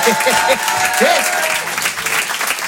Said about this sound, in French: D'ailleurs, s'il y en a qui ont connu un peu cette période des années 90, qui ont grandi dans les années 90, foutez le bordel un peu, applaudissez quand vous entendez.